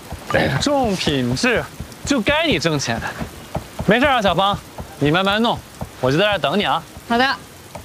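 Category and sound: nature, rain falling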